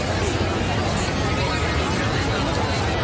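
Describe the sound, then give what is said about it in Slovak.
A dense crowd babbles continuously, many overlapping voices merging into a steady, loud murmur with no single speaker standing out for the full three seconds. “Rozumej dav ľudí”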